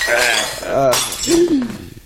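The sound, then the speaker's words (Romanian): A glass is knocked over on a table as someone stands up. It clinks against the hard surface in a brief bright clatter of glass while people talk over it. “Și mi-a dat, te-ai ridicat și ai răsturnat.”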